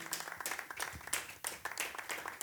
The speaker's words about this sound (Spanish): Amén, démosle palmas al Señor, aleluya.